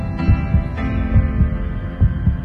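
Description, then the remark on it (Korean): A heartbeat thumps in three steady lub-dub pairs, deep, over a sustained humming tonal drone with no voices, presented as the heartbeat of the Far East Broadcasting radio station. “들리십니까? 한시도 쉬지 않고 뛰고 있는 극동방송의 심장소리입니다.”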